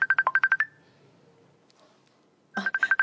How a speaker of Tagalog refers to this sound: nagpanawag sa cellphone ko. Sabton ko.